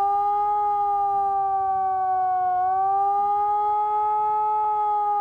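A civil defense siren in Remscheid, Germany, sounds the warning tone during the nationwide warning day test, a loud, steady continuous wail, its tone dipping slightly in pitch midway before rising again, with no voices present.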